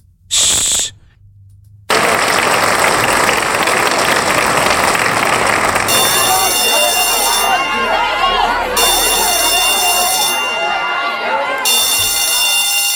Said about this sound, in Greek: Παιδιά, αυτό τώρα ήταν ένα χειροκρότημα. Ναι, μπράβο, όλο αλλά... αυτό το χειροκρότημα με το σου και τα τρία κουδούνια, πού είναι? Πού τα ακούς, τα τρία κουδούνια? Θεατρό, κάποια.